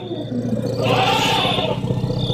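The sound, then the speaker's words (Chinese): Elephants fighting as another elephant joins the fray, with a loud, rough roaring bellow swelling in the middle over a constant low rumble and scuffling, continuous for a couple of seconds. “又来了一头大象加入混战。”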